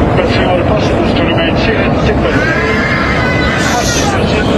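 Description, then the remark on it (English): Loud, chaotic crowd of passengers screaming and shouting inside a passenger jet cabin as the jet plunges more than 14,000 feet in less than 30 seconds, with high wavering cries over a constant roar of engine and cabin noise, drowning out a faint announcement to fasten seatbelts. “Passenger screams drowning out a faint announcement to fasten seatbelts.”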